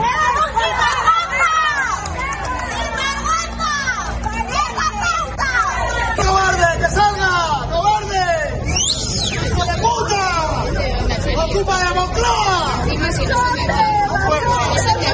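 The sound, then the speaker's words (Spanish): A loud crowd shouts and jeers continuously at the Spanish prime minister on his visit to an industrial complex in Noblejas, Toledo, many raised voices overlapping into a dense, agitated clamor that holds steady for the whole stretch without pause. “Sí, son gritos, sí, subjetivos.”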